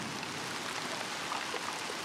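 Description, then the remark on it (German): Steady rain pours down on young wheat plants in a field, with a dense, even hiss of drops pattering on a surface, constant throughout, with no voices. “Ein ordentlicher Regen kommt da gerade recht.”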